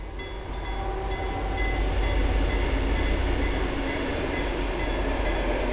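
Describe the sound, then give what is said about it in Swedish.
A train rushes steadily past on a newly built railway embankment of grey gravel, a continuous loud rumble and rolling roar with faint metallic tones, building slightly and holding without a break. “Där järnvägsrälsen i september 2025 hängde i luften susar nu tågen förbi på en nytillverkad banvall av grått grus.”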